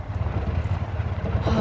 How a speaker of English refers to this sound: Something's wrong with the car. You better pull off. Oh, great! Oh, the engine died.